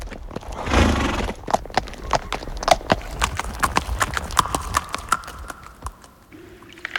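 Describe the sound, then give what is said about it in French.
Hooves of Kidiclope, a long-eared horse, clip-clop in a steady, brisk rhythm of sharp knocks as it carries riders toward the snowy North Pole, opening with a louder burst and continuing for several seconds before fading into a soft tone at the end. “Kidiclope, cheval aux longues oreilles. Emporte-nous vers le silence du pôle Nord, le pays de la neige.”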